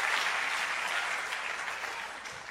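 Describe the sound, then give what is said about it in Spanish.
Steady audience applause, a dense wash of many hands clapping at an even level throughout, with no voices standing out. “Los hombres deberían aplaudir eso, muchachos.”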